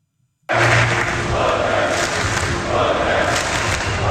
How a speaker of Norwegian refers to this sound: All sang, jubel og gledeståra preget natta for mange nordmenn. Etter en etterlengta VM-kamp og seier for landslaget.